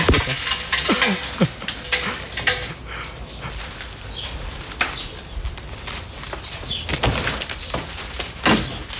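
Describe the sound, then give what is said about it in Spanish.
A strip door curtain, the kind hung in the doorways of village houses to keep flies out, rattles and clacks in irregular bursts, its strips knocking together in quick, bright clatters with short pauses between, with no one talking. “Es precisamente un invento que está creado desde hace mucho tiempo y que está muy presente en las puertas de las casas de los pueblos para que no entren las moscas y demás.”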